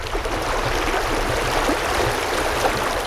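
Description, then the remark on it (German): The Teplica brook flows steadily through a spa park, a continuous rushing, gurgling wash of water with no pauses and no voices. “Hier befindet sich die Trinkquelle Kolar und auch der Bach Teplica.”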